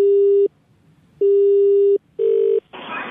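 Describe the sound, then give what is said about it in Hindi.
Three steady electronic mobile phone button tones of uneven length with short gaps between them, clear, pressed by a caller during a radio phone call, followed by a brief hiss of noise. No one speaks. “आप क्या खेल खेले जा रहे हैं यार, अपने मोबाइल से कभी ये दबा रहे हैं कभी वो दबा रहे हैं”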